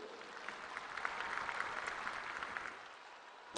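An audience claps steadily in honor of the Virgin Mary, a dense rush of many hands that holds for a few seconds and then tapers off toward the end.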